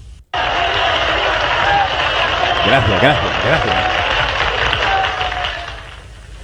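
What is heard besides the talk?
audience applause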